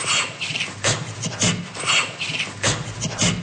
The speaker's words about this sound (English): On this more populated branch of the tree, the first ape you find is the closest relative of the orangutan, the gorilla. Gorilla laughter is more of a staccato-like laughter.